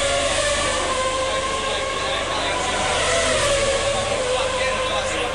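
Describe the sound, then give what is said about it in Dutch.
Formula 1 cars roar past the start-finish line at speed during a race, a loud, continuous high-pitched engine wail with a slight rise in pitch, filling the whole stretch without a break. “Ze komen weer langs, start-finish.”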